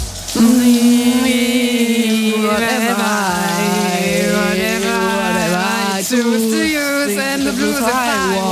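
A person sings a melody in a steady voice while shower water runs continuously underneath, a constant hiss of spray throughout.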